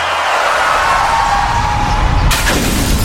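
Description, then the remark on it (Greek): A loud, rushing roar builds steadily, then a sudden crash hits near the end, with a bright burst of shattering glass from a car's windshield. No one speaks. “Πάει το Μπαμπρίς. Ποιος τον ακούει τώρα? Γυναίκα, τι έπαθε το αμάξι?”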